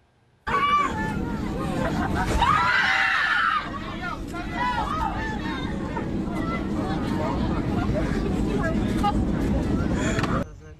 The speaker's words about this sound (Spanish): Y los gritos dentro de la cabina de un avión reflejaron el miedo que vivieron decenas de pasajeros.